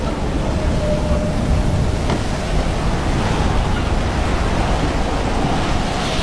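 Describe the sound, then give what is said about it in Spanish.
A steady, roaring storm at sea with heavy waves crashing continuously and wind rushing, a dense, loud wash of noise with no voices. “Está más bien, parece una tormenta como la primera que tuvimos en la isla.”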